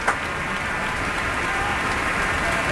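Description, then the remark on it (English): A concert audience in a hall applauds as soloist Yuja Wang takes the stage, in a steady, dense wash of clapping that holds the same level throughout, with no voices standing out. “And now you hear the crowd sing.”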